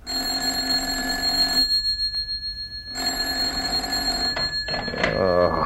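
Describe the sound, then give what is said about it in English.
A telephone in an office rings at 7 a.m. on a Sunday in two loud, sustained bell bursts with a short pause between them, and a voice begins speaking just as the second ring ends. “I was on the verge of leaving the office after a fairly hectic night when the phone rang.”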